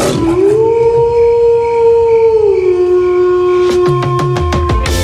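A wolf howls in one long, steady note that dips lower partway through and keeps going to the end, with a few sharp clicks or yips near the close.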